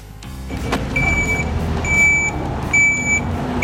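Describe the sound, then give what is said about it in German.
A heavy four-axle Mercedes tipper truck (510 hp, about 16 tonnes), clearing mudflow debris from a debris retention basin in the Pitztal, rumbles with its diesel engine while its reversing alarm sounds three long, evenly spaced beeps, with no voices. “Ich bin da im Geschiebebecken mit dem Murenmaterial wegräumen, mit dem Vierachskipper, Mercedes.”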